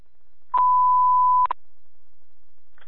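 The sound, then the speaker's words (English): A single steady electronic fire alarm dispatch alert tone sounds for about a second, clear, sharply starting and stopping, followed by quiet with a faint click near the end. “Medic 9, the fire alarm.”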